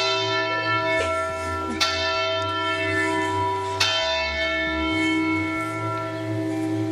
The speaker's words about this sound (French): Et c'est l'heure des cloches en plein direct.